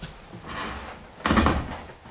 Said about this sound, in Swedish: Eller nu ska jag kanske... komma in och stänga dörren så det blir lite mycket. Jag kan inte gå och stänga. Nej, men bara lite sådär.